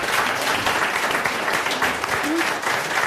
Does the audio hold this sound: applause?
yes